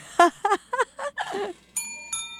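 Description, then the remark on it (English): Two clear bell strikes from multiple bells with different sounds ring out near the end, each leaving bright, sustained overtones that linger and fade. They follow a run of melodic, voice-like notes. “there's multiple bells there here are now. Three bells each tonight. Had different sounds, apparently.”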